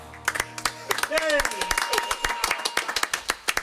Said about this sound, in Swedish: Lät nästan lite sådär som en sällskapsresa när han sitter och klappar händerna. Och så visar sig att det är någon som slår i ketchupflaskan.